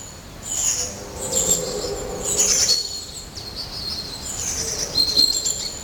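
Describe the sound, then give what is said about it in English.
High, thin calls of long-tailed tits and blue tits chirp repeatedly in short bursts, moderately close, over a steady low background hum with no talking. “I can make out a long-tailed tit, a blue tit, and I think it's a tree crow.”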